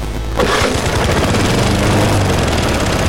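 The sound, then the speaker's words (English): A small, old gasoline lawn mower engine roars steadily after a brief quiet start as the mower is pushed around a yard, its rough, rattling low-pitched drone loud and unbroken with a chattering, uneven rhythm. “Why are you still pushing that old mower around the yard?”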